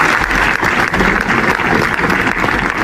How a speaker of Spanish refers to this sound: Este es el aplauso que ha roto el minuto de silencio esta mañana en la capital aragonesa en recuerdo de un bombero y un trabajador del taller de esta localidad de Calatorao y que fallecían tras caerles encima un muro de la nave.